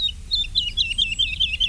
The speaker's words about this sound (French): De loin, on a entendu l'alouette Lulu.